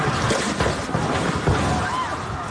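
People outside in Venezuela during a major earthquake, the second of two measuring above magnitude 7.0: a loud, steady roar of rumbling and clattering noise with indistinct shouting voices mixed in, plus a brief faint wavering cry near the end.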